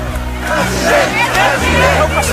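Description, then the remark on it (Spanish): A crowd in Barcelona in 2024 shouting and cheering "president, president" as it welcomes former Catalan president Puigdemont, many raised voices overlapping in a loud, continuous roar with a low steady rumble underneath. “Fue recibido así, a gritos de president, president, pero esos gritos eran en 2024.”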